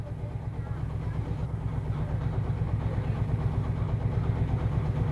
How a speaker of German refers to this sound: wirft den Traktor an.